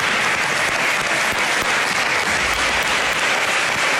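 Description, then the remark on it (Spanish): Sustained applause from opposition legislators standing in the Assembly of Madrid to applaud for Mari Carmen fills the chamber, dense and steady clapping at full volume for several seconds with no voices standing out. “En el que la oposición se levantaba en la Asamblea para aplaudir por Mari Carmen y los diputados del Partido Popular se quedaban sentados.”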